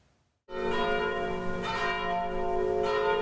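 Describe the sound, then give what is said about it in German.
Church bells ring out loudly after a brief quiet moment at the unveiling, on 29 August, of two historic grave slabs from Hohenstedt, their rich overlapping tones sustaining continuously with steady strikes blending into a full, resonant peal. “Unter Glockengeläut wurden sie am 29. August enthüllt.”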